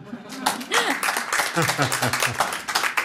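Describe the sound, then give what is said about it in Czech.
A burst of dense hand clapping from a small crowd, steady, with voices calling out over the applause. “Tak to je ale na aplaus.”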